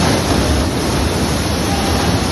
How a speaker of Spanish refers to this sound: Bueno, esto que escuchas son los inmensos anillos de corte horadando el terreno. Se va abriendo paso y expulsando tierra alrededor hasta llegar al lugar exacto donde se está construyendo la estación de Madrid Río, bajo el paseo de Yeserías.